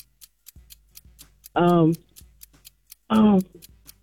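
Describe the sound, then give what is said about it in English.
A game clock timer ticks steadily and quickly during a quiz game, sharp clicks at a regular pace throughout, with two brief, loud voice-like bursts cutting in over the ticking. “All right, start the clock.”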